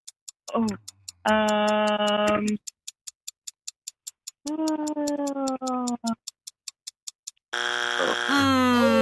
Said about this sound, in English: That's our buzzer. There's your buzzer.